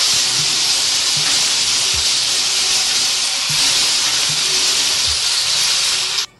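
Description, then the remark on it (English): A shuffle drum holding this week's songs spins with a loud, steady whooshing hiss and soft thumps recurring about once a second, then stops abruptly after roughly six seconds. No one speaks. “They are in there, and now let us shuffle them.”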